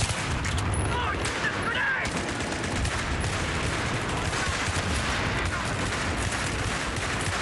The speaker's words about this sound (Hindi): अचानक दुश्मन सैनिकों ने भारी तोपों से गोले बरसाने शुरू कर दिए थे और पोस्ट पर हमला बोल दिया।